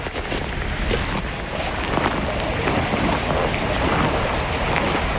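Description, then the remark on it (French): A steady wash of running water from a small river winding between thickets of vegetation and cork oaks, rushing and gurgling without pause over a faint breezy rumble. No voices are heard. “Au bord d'une petite rivière qui serpente entre les massifs de végétation et de chênes lièges.”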